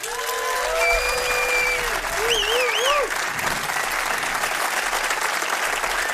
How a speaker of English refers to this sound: We're gonna play one more song for you, but before we do that, I'd like for you to give another round of applause for my fellow musicians.